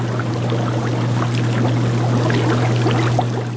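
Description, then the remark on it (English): Steady bubbling and gurgling seawater tanks holding kelp, oysters and baby abalone in a seaside University of Alaska Fairbanks lab, with countless tiny pops over a constant low mechanical hum like an aerator pump running beneath it. No voices. “In their seaside lab, scientists at the University of Alaska Fairbanks dote on bubbling tanks of kelp, oysters, and baby abalone.”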